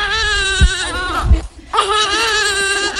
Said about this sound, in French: D'autres prennent leur bouillie, tandis que la plus jeune, âgée d'à peine un mois, pleure sans répit.